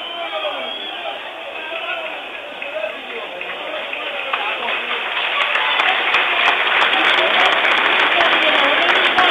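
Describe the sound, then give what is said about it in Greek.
A stadium crowd of Panetolikos fans applauds injured PAOK goalkeeper Pavlenka as he is carried off on a stretcher, in a dense, steady wash of clapping that starts softer and swells louder midway, with sharper individual claps rising out of the roar toward the end. “Συνεχίζουν να χειροκροτούν.”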